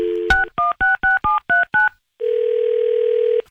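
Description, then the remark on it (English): A phone line tone is cut by a click, then seven quick touch-tone beeps are dialed in a steady rhythm to place a phone call, followed by a long, even tone. Clear, with no voices. “Let's get this phone party started!”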